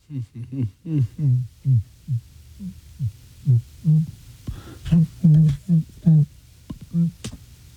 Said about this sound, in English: I was just humming right there, no? All right, maybe that one better. See? Okay. It is impossible to hum while holding your nose.